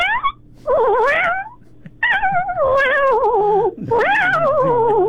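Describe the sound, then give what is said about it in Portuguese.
A person in the city of Niterói imitates a cat, letting out several long, wavering meows in a row, loud, with short breaks between them and faint background noise. “Faz mais um miado do gato aí pra gente dar tchau.”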